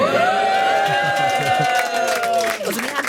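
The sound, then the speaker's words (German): A studio audience on a Friday, asked to make some noise, cheers and hollers loudly, with a long sustained whoop ringing over a dense, steady wash of crowd noise and scattered claps for about three seconds. “Könnt ihr mal ein bisschen Lärm machen?”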